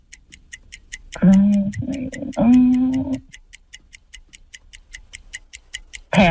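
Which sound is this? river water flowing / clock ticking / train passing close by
clock ticking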